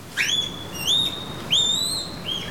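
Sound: female panda calling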